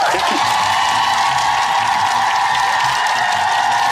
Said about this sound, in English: Oh, the crowd has gone wild, mate.